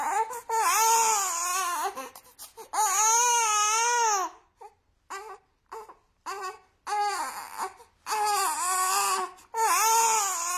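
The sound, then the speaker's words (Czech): A baby cries loudly: long wavering wails, then a stretch of short gasping sobs before the full wailing starts again. No one speaks. “3, 2, 1, mimino.”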